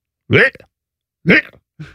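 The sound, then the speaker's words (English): A cat retches and heaves, projectile vomiting onto stairs, in three loud bursts: two strong gagging heaves about a second apart, then a shorter, weaker one, with brief silence between them. “This is a cat. And I'm not talking about a little bit of cat yak.”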